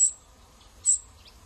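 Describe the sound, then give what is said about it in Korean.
A cuckoo chick, raised in the nest of a vinous-throated parrotbill, gives thin, high-pitched begging calls: two sharp squeaks about a second apart with fainter peeps between, against a quiet background. It begs for more food even with food in its mouth. “입에 먹이를 물고도 더 달라고 보챕니다.”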